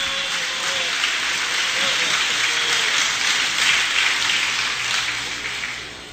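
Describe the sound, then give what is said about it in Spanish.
An audience claps for the Lord for about six seconds, a dense, even wash of many hands with no one speaking over it. “Señor de señores, aplauda al Señor.”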